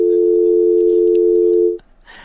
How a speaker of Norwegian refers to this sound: skal vi se, telefonen ringer, så vi får se.